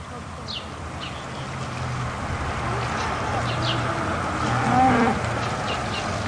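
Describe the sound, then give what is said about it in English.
Cattle moo repeatedly, long low calls overlapping across a noisy outdoor farm scene, with several animals lowing and occasional faint bird chirps above. “It was the first time his family was selling cattle to market without him.”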